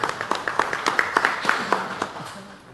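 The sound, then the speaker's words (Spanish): A crowd in Otuzco, Peru applauds at an event for the Peruvian Farmer's Day (Día del Campesino Peruano), with a steady patter of overlapping claps, moderately loud, tapering off toward the end. “Fuerte los aplausos, por favor.”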